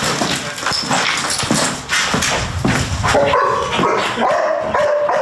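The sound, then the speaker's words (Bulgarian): Several rescue dogs bark loudly and repeatedly during training at an abandoned hut full of volunteers, overlapping in busy bursts, with higher yips and whining cries breaking through toward the end. “Тази изоставена хижа днес не е празна, пълна е с доброволци и кучета спасители.”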